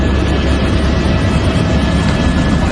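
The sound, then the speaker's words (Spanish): A helicopter's rotor and engine roar steadily and loudly, a dense low rumble that holds constant without any voices over it. “Hemos hablado de hidroaviones y ahora toca hablar de helicópteros.”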